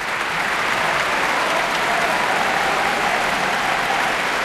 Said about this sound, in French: 5e symphonie interprétée par l'Orchestre de Paris sous la direction d'Anya Billmayer en concert, comme vous pouvez l'entendre à ses applaudissements. C'était le 28 mai dernier à la Philharmonie de Paris.